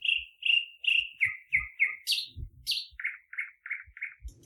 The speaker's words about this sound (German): Guten Morgen, ihr Vögelein.